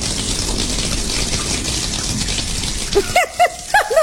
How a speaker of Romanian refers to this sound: Îmi curge apa prin plafon.